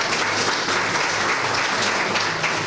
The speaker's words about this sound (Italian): Un applauso merita anche la signora.